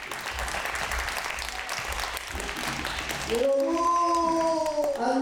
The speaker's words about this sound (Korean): 자, 이제 준비가 된 것 같으니까 여러분들께서 큰 박수로 선생님의 공연을 감상을 하겠습니다. 아주 기쁜 자리입니다. 여러분 큰 박수 부탁드립니다.